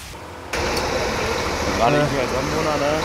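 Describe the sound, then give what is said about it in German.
A heavy truck engine runs with a steady low rumble that rises abruptly after a brief quieter moment as the truck squeezes past trees, while voices talk faintly over the noise. “Man muss vorher auch viel von den Bäumen auch zurückschneiden, damit wir hier durchpassen mit unserem schweren LKW.”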